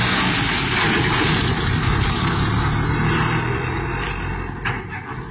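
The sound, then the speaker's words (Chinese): A small car's engine rumbles loudly and steadily, then begins to fade slightly in the final second as the vehicle pulls away. No voices are heard. “晚上林道静刚走到一个背景地方，忽然一辆小汽车开到他身边，猛然刹住。”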